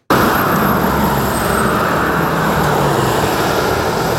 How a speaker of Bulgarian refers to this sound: Преди обед, предимно средно на час през Кресненското дефле преминават по 900 автомобила, според интерактивната карта на БГТОЛ. По критичния участък за пътуващите през Кресна и днес има забавяне.